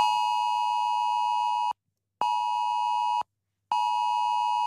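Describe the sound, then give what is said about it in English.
A piercing mobile phone emergency alert tone, a preview of the test alert phones will sound at 2 p.m. Eastern Standard Time, blares in three long, steady electronic bursts separated by short gaps, loud, with no one speaking. “So at 2 p.m. Eastern Standard Time today, this is the sound that will ring out on your phone.”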